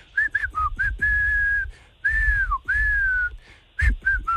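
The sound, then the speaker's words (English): A person whistles a pop tune: a few quick, bouncy notes, then long held tones that bend and slide, ending with another short run of notes, with breathy rumble underneath. “whistle work.”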